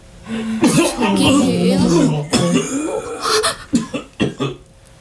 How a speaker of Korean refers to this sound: 그 옆에 두 사람이 동시에 비슷한 증세를 보이기 시작했다. 그리고 맨 앞에 선 남자까지 모두 피를 토하며 심하게 기침을 했고 자리에 주저앉았다.